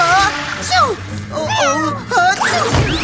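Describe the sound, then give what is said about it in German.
Several cats meow in quick, overlapping cries, their calls rising and falling as they excitedly chase a rolling toy mouse, over a busy background with faint thumps and rustling. “Aber eins, dem die Katzen der Prinzessin aufgeregt hinterherliefen.”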